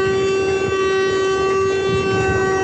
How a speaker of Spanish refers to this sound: Ahí vamos a ver la pantalla con Alex Denicia, que nos va a mostrar este tráiler, cómo quedó, que incluso hasta se le activó su claxon. Vamos a escuchar un poquito.